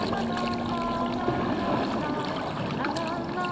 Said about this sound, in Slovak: Pokojný ako voda kanálov, po ktorých sa plaví moja gondola.